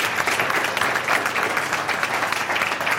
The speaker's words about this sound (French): On peut applaudir notre invité quand même. Bravo.